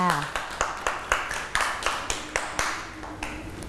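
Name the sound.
children clapping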